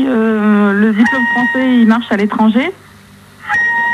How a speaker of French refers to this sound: Qui sait qu'il y a une mouette chez lui?